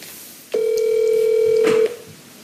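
A single steady telephone ringing tone sounds for just over a second as a call is placed, a flat mid-pitched electronic hum with no speech, then cuts off into quiet line noise.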